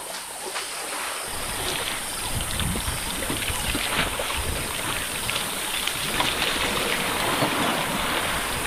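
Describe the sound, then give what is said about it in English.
Elephants splashing and bathing in water: steady churning and sloshing with frequent irregular splashes, fairly loud throughout, with no voices. “After quenching their thirst, elephants are ready to enjoy a shower, or could even go for a swim if the water is deep enough.”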